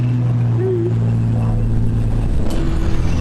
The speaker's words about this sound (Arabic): الدباب وين؟ الدبابة جنبكم؟ اه. عم تتحرك ولا واقف؟ نزل حدا منها؟ هي بتتحرك. بتتحرك؟